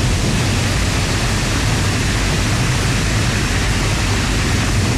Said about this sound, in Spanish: Las compuertas de la captación fueron abiertas para permitir el paso del agua, y los efectos se sintieron metros abajo, con un fuerte caudal.